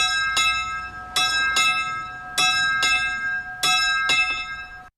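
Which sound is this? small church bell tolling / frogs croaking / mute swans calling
small church bell tolling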